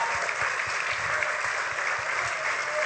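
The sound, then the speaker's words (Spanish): Sustained, strong applause from a large audience for the next person called up, dense steady clapping filling the whole stretch at an even, loud level with no voices standing out. “Ahora bien, ahora queremos que pase un fuerte aplauso.”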